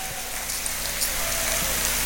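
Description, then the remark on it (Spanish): Steady, dense clapping from an audience giving applause to the Lord in the morning, a continuous crackling wash of many hands at an even loudness for about two seconds, with no voices over it. “Dele fuerte ese aplauso al Señor esta mañana.”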